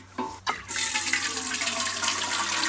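Water pours steadily from a watering can onto tomato plants in a continuous splashing rush, preceded by a couple of brief knocks as the can is handled.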